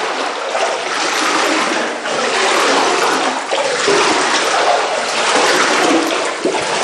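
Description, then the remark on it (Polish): Loud, continuous rush of sloshing and splashing water, steady for the whole stretch, with slight surges as feet wade through standing water about 10 centimetres or more deep in a flooded basement with no electricity. No voices. “Bo państwo tego nie widzą, ale może usłyszą, jakbyśmy mogli, pan nam tu zaprezentował, pokazał, bo tu faktycznie prądu nie ma, więc trudno było też zobaczyć, ale państwo mogą usłyszeć, ile tutaj jest wody.”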